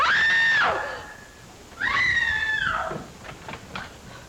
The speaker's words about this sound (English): Who screamed? What's all the racket? Pounding on walls, scream.